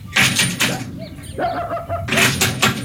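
Two quick bursts of knocking by a postman on a house door, each a short run of firm raps, separated by a brief pause filled with faint chirping in the background.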